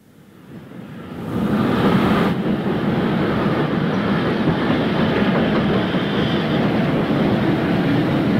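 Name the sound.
train running on rails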